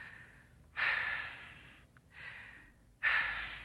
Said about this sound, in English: Take two deep breaths. Why, I'm breathing all right. Take them. Oh, all right.